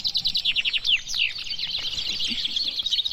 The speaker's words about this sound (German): 18 Finken haben hier auf einmal getrellert beim traditionellen Finkenmanöver in Bennekenstein im Harz.